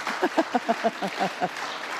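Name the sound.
audience applauding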